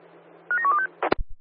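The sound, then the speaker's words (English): Quick sequence of about five short electronic dialing tones in steady rhythm, followed by a couple of sharp clicks and thumps, like a handset connecting, over a faint low hum. “Echo 1, stand by for a phone call.”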